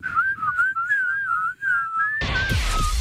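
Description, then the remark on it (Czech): A person whistles a wavering, tune-like melody in short connected phrases for about three seconds, clear; near the end a loud, rough burst of noise crashes in beneath the whistling. “Ale můžeme si povídat spolu na píska třeba.”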